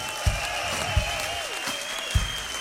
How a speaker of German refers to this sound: Ich glaube, jetzt ist es an der Zeit, dass ich mich einmal bei unseren Technikjungs bedanke, die das hier alles aufgebaut haben, den tollen Sound gemacht haben, das tolle Licht. Schönen Dank. Unsere Jungs von der Technik, ein donnernder Applaus.